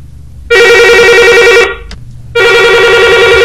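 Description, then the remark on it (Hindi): A loud electronic telephone ring sounds twice, each a bright, sustained trilling burst of about a second, separated by a short pause, clear with no talking: an incoming call to the Akashvani Madhya Pradesh radio phone-in song request programme in Bhopal. “आप अपनी फरमाइश हमें बताते हैं टेलीफोन नंबर 2660902 पर”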